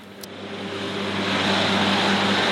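A tractor fitted with extra-wide tires on the rear axle drones steadily while mowing roughly 1-metre-tall grass on moor meadows in the Uckermark, Germany, a broad rushing hiss over low harmonic hum that swells slightly louder and holds constant, with no voices.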